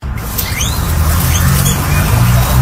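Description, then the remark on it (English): Guinea pigs chewing and rustling through hay, with a steady crackly crunching texture, a few faint high squeaks, and a low hum underneath. “Guinea pigs. Guinea pigs.”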